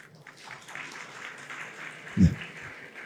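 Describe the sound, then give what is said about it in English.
A crowd applauds in a steady, dense patter of many hands clapping together, with one brief low thump partway through as the clapping carries on. “I don't know why you clap.”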